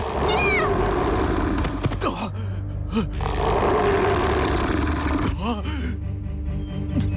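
A tiger roars loudly as it pounces on a man and knocks him to the ground, deep rumbling growls rising and falling in several surges over a heavy low drone, with sharp snarling bursts between them.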